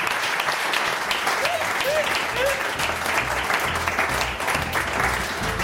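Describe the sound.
Steady audience applause fills the whole stretch, a dense wash of many hands clapping at a consistent loudness, with faint voices and a few brief whoops mixed into the crowd noise.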